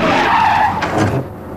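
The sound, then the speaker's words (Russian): A car's tires screech in a hard, sustained skid as it brakes, loud, the squeal wavering for about a second before cutting off abruptly. “Стой! Куда? Тормози! Тормози!”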